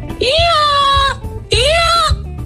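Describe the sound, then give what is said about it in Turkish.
A person imitates a donkey's bray with two loud, drawn-out nasal calls, each about a second long, separated by a short pause. “Hiç hayatımda böyle bağıran eşek görmedim.”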